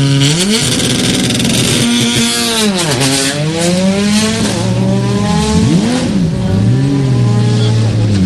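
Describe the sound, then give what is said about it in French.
A rally car engine revs hard and loud at the start at Porte Ingar, pitch climbing and dropping in repeated surges as the driver blips the throttle, a steady growling roar with strong harmonic bands throughout. “Mais tout d'abord à 5 secondes nous sommes pour le départ de Porte Ingar.”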